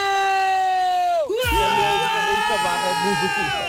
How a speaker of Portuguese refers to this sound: E há uma música muito característica nossa que eu começo com este seguinte grito. Espero que não se assustem aí em casa.